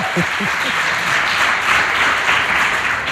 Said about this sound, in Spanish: Y, no sé, igual les pedimos un aplauso, que se oiga. Sí, bien. Que se vea que hay gente. Ahí. Bien, bravo, eso, bravo.